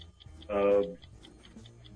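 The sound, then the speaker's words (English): A game-show countdown clock, set to 45 seconds for a quiz round, ticks steadily and quickly in the background, fairly faint, while a short loud voice-like burst cuts in near the start. “All right, 45 seconds on the clock.”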